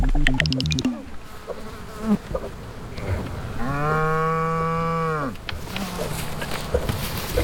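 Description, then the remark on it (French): A large Normandy cow gives a single long, deep moo that rises and falls over about two seconds, loud, while flies buzz around before and after. “Ça y est, notre mouche est posée sur la bouse d'une grosse vache normande.”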